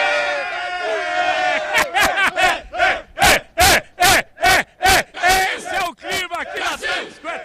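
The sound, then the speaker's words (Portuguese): Brazilian fans in Times Square, Manhattan, cheer loudly, their voices swelling into a fast, rhythmic chant of sharp repeated shouts before trailing into looser crowd hollering. “Deixa eu ver se tem torcida brasileira aqui em Manhattan, aqui na Times Square.”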